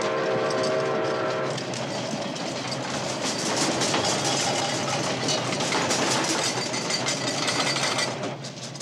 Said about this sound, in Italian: il treno e viene verso questa stanza. Mamma! Papà, sta arrivando! Ehi, nonno, sta arrivando il treno! Nonno!